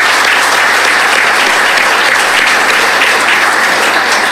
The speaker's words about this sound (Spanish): En verdad, muchísimas gracias y un aplauso, por favor, para ellos.